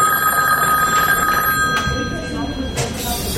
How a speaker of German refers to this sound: als erneut das Telefon klingelte.